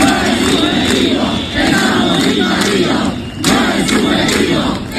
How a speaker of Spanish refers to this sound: No es subjetivo, gritan los ceutíes, que tienen que escuchar que su ministro del Interior se refiere a lo que están viviendo como una inseguridad subjetiva.